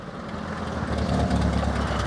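A car engine, just started, idles with a steady, low, rough rumble, sounding somewhat weak and uneven throughout, while smoke comes from the exhaust, with no speech.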